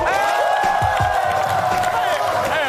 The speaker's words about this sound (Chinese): 掌声